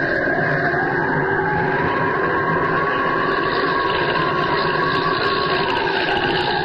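A loud, steady airplane engine drone fills the whole clip, a dense rumbling roar with a constant humming pitch and no talking. The plane, with its wing lights visible in the sky, is coming from the direction of Holbein's island.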